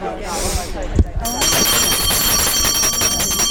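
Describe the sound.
A brief murmur of voice gives way to a bell that rings continuously, a bright, high, rapidly trilling metallic ring that stays steady and loud to the end.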